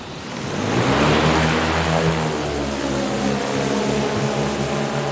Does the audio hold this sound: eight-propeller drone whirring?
yes